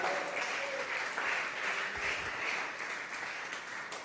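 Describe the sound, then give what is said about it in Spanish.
An audience at a morning church service claps their hands to the Lord in steady, dense applause, a continuous crackling wash of many overlapping claps that holds at an even level for several seconds. “Dele palmas al Señor esta mañana.”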